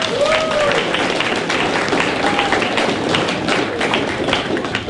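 A crowd claps steadily for the full five seconds, a dense, loud patter of many hands with a couple of brief whistle-like tones rising above it and no clear speech.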